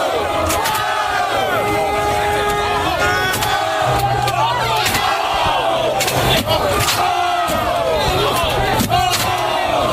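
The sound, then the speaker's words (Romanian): A dense, rowdy crowd of fans shouts and cheers continuously in the streets of New York after the New York Knicks' NBA finals win, with overlapping yells and whoops swelling throughout, loud, as police look on. “Sub ochii poliției, bucuria fanilor a degenerat în secvențe greu de explicat.”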